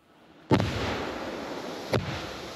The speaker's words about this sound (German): Zweimal gut 5 Kilo Sprengstoff explodieren hier. Der Munitionsbergungsdienst hatte zuvor extra Löcher gegraben.